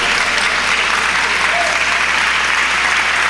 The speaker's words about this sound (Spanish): Dale ese aplauso con libertad y alábalo.